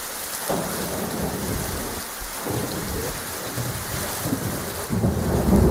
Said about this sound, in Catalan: Ho escolten, la pluja, els llamps i els trons han estat els protagonistes d'un vespre i d'una nit molt complicada al territori català amb motiu del temporal que ha sacsejat Catalunya, sobretot al litoral i prelitoral central.